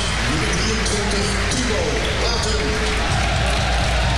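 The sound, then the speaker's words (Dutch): A stadium crowd at a Go Ahead Eagles versus ADO Den Haag football match applauds the scorer of the 1-0 goal as he is substituted off in the last minutes, a steady, dense wash of clapping and crowd noise that stays loud and even throughout, with a voice talking over it. “Het applaus is er voor de doelpuntenmaker van de 1-0.”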